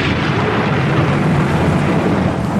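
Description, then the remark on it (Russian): A loud, close thunderclap from lightning striking the water during a storm rolls into a dense, sustained roar of rumbling noise that stays heavy and unbroken for the whole stretch, with no voices. “Ослепила извилистая молния, упала близко в воду. Рвануло так, что люди на берегу присели.”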